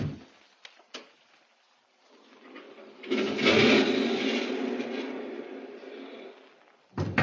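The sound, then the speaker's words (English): A couple of sharp metallic clicks as a woman unlocks a house door, followed by a long, loud grinding creak as the heavy door slowly swings open, then a thud at the end. “She's unlocking it. As the door slowly swung open,”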